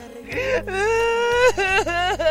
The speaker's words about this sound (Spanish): Y ahí, ¿por qué estás llorando, guapo?